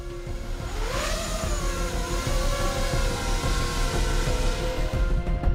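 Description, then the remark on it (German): A steady, buzzing motor whine of a small interceptor drone flown by soldiers training to intercept an enemy spy drone, with high tonal harmonics that rise and dip in pitch as it maneuvers, over a constant rushing background. No one speaks. “Gerade trainieren die Soldaten, wie sie eine feindliche Spionagedrohne mit ihrer Jägerdrohne abfangen. Ob das Flugmanöver gelingt?”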